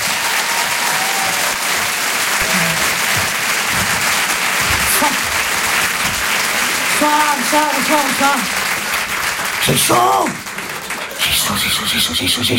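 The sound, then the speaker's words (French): Loud, sustained applause from a large audience welcoming the comedian Elisabeth Buffet fills the whole stretch, a dense steady roar of clapping with scattered cheers and a few voices rising above it. “Je demande un tonnerre d'applaudissements, s'il vous plaît, pour Elisabeth Buffet.”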